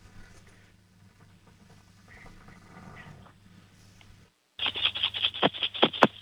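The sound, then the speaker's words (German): An eight-year-old boy in Lower Austria shakes his coin piggy bank hard in his room for a sound game, producing a loud, rapid metallic jangle of coins in quick bursts, after a few seconds of quiet humming background. “Und jetzt lauf mal schnell in dein Zimmer und zeig uns deine Sparbüchse. Schüttel die mal kräftig.”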